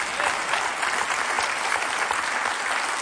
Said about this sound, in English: We applaud, but in all reality, folks, this is not a dramatic announcement.